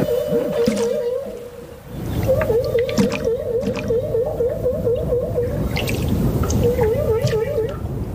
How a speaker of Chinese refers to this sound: 科学家们首先分离出了大赤鲸吐气泡的声音，吐气泡声结束之后总是会伴随一阵具有循环感的响亮叫声。